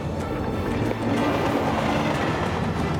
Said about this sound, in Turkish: 6,5 ton ağırlık taşıyan Danny ve Animal'ın kullandığı yük treni Kenai Dağları'nın zirvesine doğru tırmanışa geçti. Zirveye varmak üzereyiz. Yükümüz çok ağır. Hızımız saatte 25 kilometreye kadar düştü.